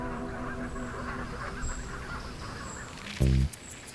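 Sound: flock of geese honking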